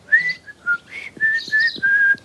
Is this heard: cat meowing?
no